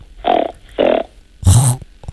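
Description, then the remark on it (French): A child imitates a pig's grunt through the nose: three short, snorting nasal grunts, the last one louder and rougher, with brief pauses between them. “Alors, j'ai entendu la poule et le cochon.”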